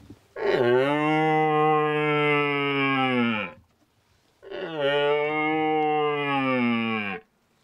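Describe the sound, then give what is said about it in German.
A voice imitates a young stag's high-pitched bellow with a deer call, shown in contrast to an old stag's deeper call: two loud, sustained roaring calls, each about three seconds long with a steady tone, separated by a brief pause. “Und die beste Möglichkeit, um darzustellen, zu unterscheiden als Laie, der junge Hirsch schreit immer mit hoher Stimme und der alte genau das andere Gegenteil mit tiefer.”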